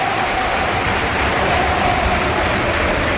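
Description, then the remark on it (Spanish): A stadium crowd at the Almería versus Eldense football match applauds in a steady, dense wash of clapping and crowd noise that holds at an even, fairly loud level for a few seconds, with no voices standing out. “También aplaude arriba al público.”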